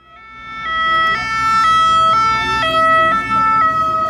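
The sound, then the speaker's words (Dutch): A loud two-tone police siren alternates between a high and low pitch roughly every half second near Alpe d'Huez, France, where police are closing off the road and stopping cyclists, with a faint rumble of traffic underneath and no talking. “je hoort het misschien al aan de sirenes.”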